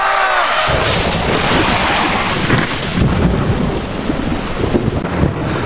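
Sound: heavy rain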